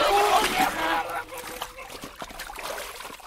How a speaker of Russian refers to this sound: Бабы, державшие его за ноги, отпустили их, и он окунулся в воду. Баб обдало холодными брызгами.